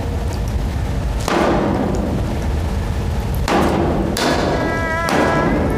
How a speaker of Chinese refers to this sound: 嘎子，你砸什么发电机啊？你有气朝我撒，你砸发电机不是个男人。 那是德国发电机，真可惜了了，这是。